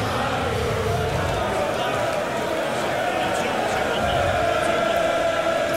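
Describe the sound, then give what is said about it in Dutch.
A large darts crowd at a match between Littler and Danny Noppert cheers and roars loudly at a missed throw, a dense, sustained wash of voices that holds steady for several seconds without a clear break. “Het publiek 56. Wat gaat juichen als hij mist.”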